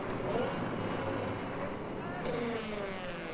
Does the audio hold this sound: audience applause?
no